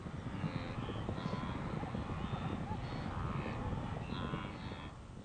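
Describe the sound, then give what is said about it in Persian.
A dense, continuous rumble of the hooves of thousands of arriving wildebeest pounding the ground, steady and fairly loud throughout, with a few faint animal calls rising over the trampling. “در عین وقت هزاران گاو وحشی نیز به اینجا رسیده است.”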